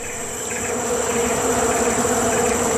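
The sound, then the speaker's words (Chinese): A dense, steady hum of many bees buzzing around a beehive holding honey, found by a Malayan sun bear; a continuous droning swarm with layered tones and no breaks, fairly loud throughout with no talking. “这只马来熊似乎发现了什么，是一个蜂巢”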